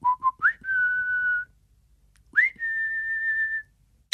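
Someone whistles two short phrases, each starting with quick chirpy notes that slide up into a long, steady high tone, with a brief pause between them. No talking.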